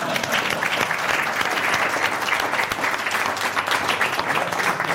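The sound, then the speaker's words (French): An audience breaks into steady, dense applause at the end of a comedy sketch, a continuous wash of clapping hands that stays loud and even for the full five seconds without fading. “C'est la fin du sketch ! Applaudissez, bande de salopions !”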